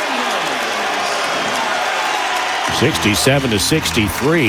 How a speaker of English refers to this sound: Dominguez step back three is good. Ooh, all of a sudden the crowd's alive.